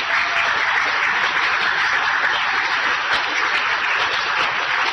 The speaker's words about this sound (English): Please, a round of applause.